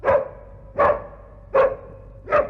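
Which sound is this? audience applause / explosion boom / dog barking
dog barking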